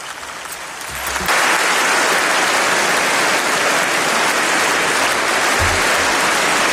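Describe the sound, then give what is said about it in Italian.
Sustained applause from a large assembly in the European Parliament chamber in Strasbourg for Canadian Prime Minister Mark Carney, a dense loud wash of clapping that swells up after a second and holds steady without voices over it. “Sono le 9:50, sentite l'applauso dell'Aula di Strasburgo al Premier canadese che sta ascoltando insieme a noi il discorso di Ursula von der Leyen, Presidente della Commissione europea, davanti appunto all'Eurocamera.”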